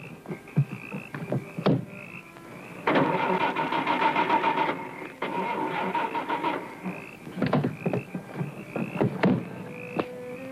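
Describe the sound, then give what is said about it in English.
A car engine cranks in two long, rough, rhythmic bursts but never catches, with scattered clicks and knocks before and after the attempts; no one speaks. “But my car won't start, and I have to catch a plane.”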